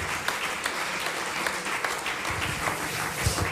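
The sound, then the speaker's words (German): A crowd applauds steadily, a dense wash of many hands clapping at once, fairly loud and sustained throughout with no speech over it; the applause is for the technical crew at an evening show. “Und da sagen wir mal großen Applaus bitte für unsere Technik heute Abend.”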